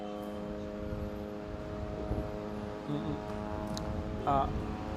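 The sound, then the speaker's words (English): A steady, whining drone hum with a stack of even tones hangs overhead throughout from military drones hovering at a very low level over the area in Gaza City, while faint voices and a few brief noises come and go beneath it. “And, you know, it might actually increase the level of attacks, judging it from the drones that have been hovering around the area here at a very low level here, dangerously low in some of the areas, just casting a huge amount of fear and panic among”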